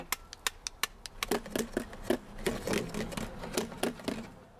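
Plates being struck like a drum: sharp, clattering hits, at first spaced out, then quicker and busier, with a short ringing tone hanging after many of the strikes.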